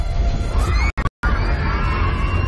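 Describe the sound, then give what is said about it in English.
A loud, dense crowd of schoolchildren at Mahayahay Elementary School screaming and crying all at once during an earthquake, the chaotic wailing continuing throughout except for a brief silent break near the middle. “In a video shared by Mahayahay Elementary School on social media, were seen screaming and crying.”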